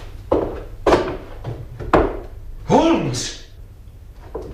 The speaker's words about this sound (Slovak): To sú padacie dvere. Vedú na strechu.